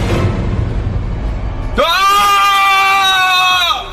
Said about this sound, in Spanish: Lo que faltaba por saber era que ese grito fatídico, burlesco, era del temido tuetué.